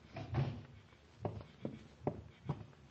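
A door is pushed shut amid a short run of wooden knocks and thumps, five or so irregular impacts of moderate loudness, with no voices.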